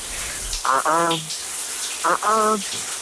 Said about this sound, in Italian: Andiamo sotto la doccia. Le canzoni sotto la doccia.